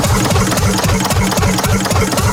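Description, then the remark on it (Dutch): A very small engine with a tiny chimney and a slowly turning wheel chugs steadily at a harbour days event, with a rhythmic, repeating beat, loud and continuous, its low pulses layered with broad mechanical clatter and hiss, and no voices. “Maar we zien hier een heel klein motortje staan met zo'n heel piepklein schoorsteentje.”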